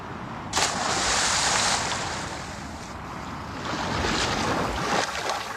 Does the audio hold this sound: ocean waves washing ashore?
yes